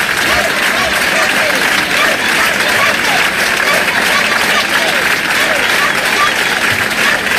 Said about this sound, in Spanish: Ceuta, Ceuta, Ceuta, eran los gritos. Ceuta no se vende, que daba paso a un sonoro aplauso.